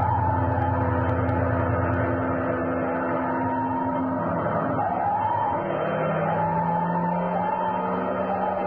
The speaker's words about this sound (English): Uh-oh. What's the matter? Fire engine.